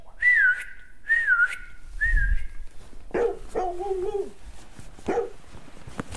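Three loud, sharp whistles in quick, evenly spaced succession, each sliding downward in pitch, whistled to call a dog named Timmy, followed by several short barks and yelps.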